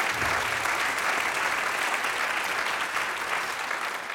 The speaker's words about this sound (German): Also ganz toll, das Münchner Rundfunkorchester ist mit dabei und der Dirigent Omar Ainzwi ist auch da. Auch noch ein Applaus für ihn. Ja, Applaus, Applaus, Applaus!